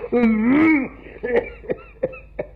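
An old man, coughing because of old age, clears his throat with a drawn-out, rumbling groan, then gives four short, dry coughs in an uneven rhythm, fairly loud, with no talking.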